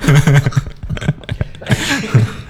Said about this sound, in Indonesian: Tuh kan. Aku kalau ketawa masih ada batuknya. Oh, tapi sekarang udah berkurang ya.